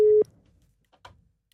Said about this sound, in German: Und gewinnen hat natürlich nur jemand können und dieser Person läuten wir jetzt gerade live an. Schauen wir mal, ob sie abnimmt.